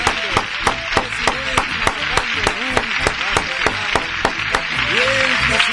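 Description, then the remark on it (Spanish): Steady rhythmic clapping, sharp and loud claps at about three per second, continuing throughout with voices calling out underneath; applause for Santiago y Copla, on air. “¡Aplauso para Santiago y Copla!”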